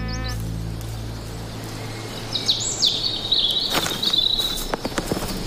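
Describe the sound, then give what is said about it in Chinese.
Small insect-eating birds chirp in summer, a season of plentiful food when they raise their families, in quick, high-pitched bursts from about two seconds on, several calls overlapping at moderate volume over a soft outdoor background with a few faint rustling thuds. “许多以昆虫为食的小鸟也利用这个食物充裕的季节让家庭获利。”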